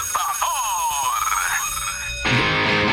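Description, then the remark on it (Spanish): An electronic alarm clock sounds, with bright, warbling tones sweeping up and down for a couple of seconds before shifting to a denser, harsher ring that stays loud to the end. “¡El despertador! ¡El despertador! Son las 6 de la mañana.”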